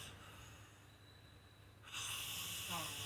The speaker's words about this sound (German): Der Herr, der hier schnarcht